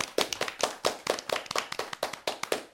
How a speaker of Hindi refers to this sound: जी जी खूब तालियां बजाएंगे फिर हम आपके लिए, जैसे अभी आपके लिए बजा रहे हैं, जो आपने हारमोनियम बजाया है ना उसके लिए।